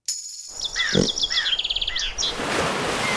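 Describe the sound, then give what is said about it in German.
Shrill, trilling screams of common swifts in rapid bursts, over a steady hissing background that swells toward the end. “Kaum ein Vogel verbringt so viel Zeit in der Luft wie ein Mauersegler.”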